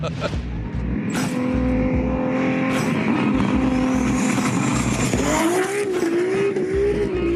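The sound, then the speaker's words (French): A powerful tuned car engine of 1609 horsepower roars and revs loudly in winter in Belgium, its pitch climbing steadily with a couple of sharp throttle bursts and rising whine over a constant heavy rumble. “Avec 1609 chevaux, je m'attendais à de la grosse violence.”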